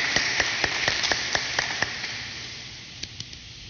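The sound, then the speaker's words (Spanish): A crowd in a cathedral applauds to congratulate a woman on her birthday with a steady, hissing wash of clapping, punctuated by sharp, evenly spaced individual claps that thin out and grow sparse toward the end. “Venga por aquí, vamos a darle un fuerte aplauso a ella en su cumpleaños.”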